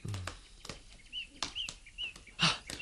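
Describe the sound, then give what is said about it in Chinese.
A flock of crows takes off and flies toward the woods, with a rapid series of whooshing wing flaps and a few short, high calls scattered among them, fairly loud, with no talking. “有一群乌鸦飞向树林嗰边噃。”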